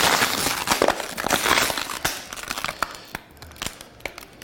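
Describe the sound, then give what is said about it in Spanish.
A plastic bottle is crushed and crinkled so it takes up much less space, a burst of loud crackling for the first two seconds, then scattered sharp pops and creaks as the plastic keeps giving way. “Esto es lo que hay que hacer para que una botella de plástico ocupe mucho menos.”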